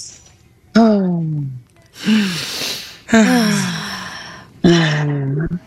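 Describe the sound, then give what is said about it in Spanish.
People breathing heavily together in a breathing exercise, synchronizing with one person's breathing: four loud bursts of voiced, gasping inhales and breathy exhales in an uneven rhythm, with no talking. “Entonces, yo respiro y ustedes sincronizan con mi respiración, ¿ok?”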